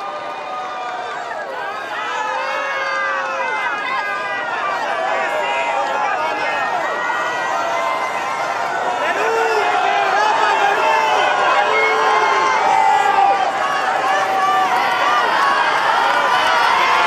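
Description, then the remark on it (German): A large outdoor crowd of pilgrims and faithful from around the world roars and cheers continuously in St. Peter's Square, Vatican, Rome, at the Pope's Wednesday morning general audience, countless voices shouting and calling over one another, the excitement swelling slightly louder toward the end. “Dort empfängt Papst Leo XIV. An diesem Vormittag viele Gläubige aus aller Welt.”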